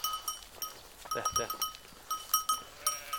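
A flock of sheep bleats, several wavering calls overlapping in quick succession at moderate distance, with a steady, high-pitched ringing running underneath throughout.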